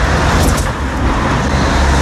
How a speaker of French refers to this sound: Ouais, des routes à Toulouse, quartier Jolimont notamment, transformées en véritable trampoline quand on passe en voiture.